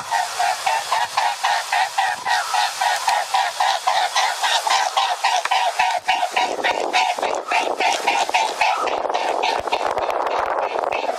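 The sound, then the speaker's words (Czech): A mute swan flying, its wings making a loud, rhythmic throbbing hum with steady repeated pulses, almost mechanical and easy to mistake for honking calls, continuing throughout. “No a vidíte, měli jste věřit, toto je labuť velká a skutečně zvuk jejich křídel.”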